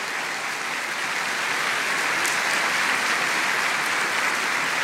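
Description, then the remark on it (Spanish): A church audience applauds for the Lord Jesus, a dense wash of many hands clapping at an even, sustained loudness for several seconds with no voices standing out. “Ese aplauso, pero para el Señor Jesús.”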